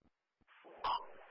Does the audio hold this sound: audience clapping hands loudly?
no